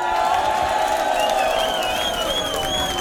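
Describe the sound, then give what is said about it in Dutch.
A large concert crowd applauds and cheers a band after its performance, a dense wash of clapping with a high whistle or whoop rising through it and a few shouts mixed in. “Geef ze een groot applaus, jongens.”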